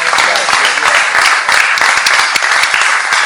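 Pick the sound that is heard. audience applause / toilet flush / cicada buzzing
audience applause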